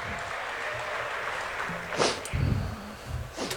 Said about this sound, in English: So that's just in the room. Like, little applause for Cunha.